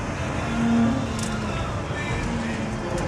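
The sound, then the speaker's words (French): A car on Michelin Sport Cup 2 tyres drives at speed on a race track, its engine droning steadily, a loud continuous roar of motor and road noise with a low, humming engine tone that rises briefly and then holds. “Allez, on va tester le freinage à l'épingle.”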